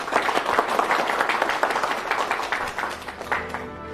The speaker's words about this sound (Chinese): 同学们，农友兄弟们，今天啊是子树同志从广州学习回来给我们上的第一课，那么下面呢就请子树同志给我们介绍一下，大家鼓掌欢迎。